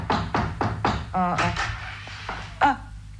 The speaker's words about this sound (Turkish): Kapıyı yumruklamayı deneyelim bir de. Yine de duymazlarsa bil ki evde yoklar.